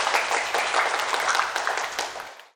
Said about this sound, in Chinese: 其他小组的同学表现同样出色，掌声送给自己。